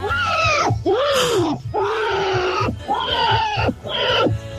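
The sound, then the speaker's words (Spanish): A person imitates a pig being slaughtered with a series of loud, shrill, wavering squeals and screams, four drawn-out cries separated by brief gasps, rising and falling in pitch. “Escucha al chancho cuando lo matan.”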